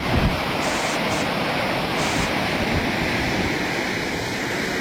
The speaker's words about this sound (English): Yeah, Matt went to check out Whitsett Canyon this morning at around 11 o'clock, and you see that water just rushing and rushing. It is unreal.